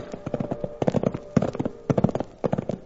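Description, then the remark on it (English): The hooves of two saddled livery horses clip-clop on a ride along the railroad, in steady, overlapping clusters of sharp knocks, several beats each, repeating in a rolling rhythm with no voices. “made him saddle up two of his livery horses, and we went for a ride.”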